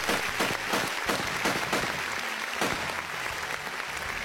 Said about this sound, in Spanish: Fuerte el aplauso para la